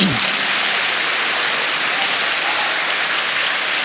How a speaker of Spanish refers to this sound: Amén. Dele palmas al Señor.